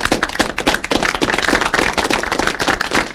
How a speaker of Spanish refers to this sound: Un aplauso para él.